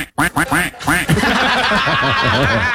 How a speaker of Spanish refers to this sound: Pero, aparte, ¿qué dijo el pato?